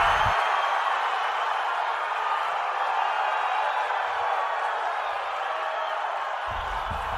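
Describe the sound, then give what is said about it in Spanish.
A large crowd roars in a sustained ovation as a player's name is announced for the Brazil national football squad, a dense wall of cheering and shouting that holds at a steady, loud level for several seconds without letting up. “Con una ovación. Ahí estaba.”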